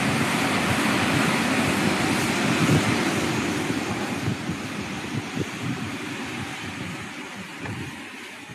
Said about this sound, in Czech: Pro vaši představu, takhle prší v Novosibirsku.